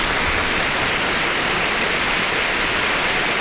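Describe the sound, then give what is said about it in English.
A steady, dense wash of clapping from a crowd applauding a man's birthday, loud and unbroken for a few seconds with no voices standing out, like sustained applause. “Today, na in birthday applaud for that guy.”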